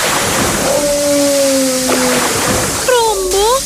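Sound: splashing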